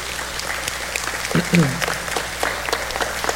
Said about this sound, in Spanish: Denle un aplauso a estos niños.